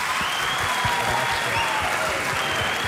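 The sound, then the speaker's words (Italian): Sustained applause from an audience, including young people, at an event hosted by the University of Foggia, a dense, steady wash of many hands clapping at even loudness throughout, with no voices standing out. “Vi ho fatto fare una galoppata con i tempi radiofonici, siete stati tutti bravissimi, soprattutto voi ragazzi, un applauso a voi.”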